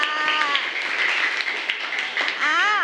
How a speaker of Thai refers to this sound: ปรบมือให้หน่อยค่ะ